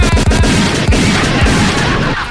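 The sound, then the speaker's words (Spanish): A rapid burst of gunshots fires in quick succession, loud, several sharp cracks with booming low-end thumps, trailing off after about two seconds. No one speaks. “Que me merezco balazo por haber dicho eso.”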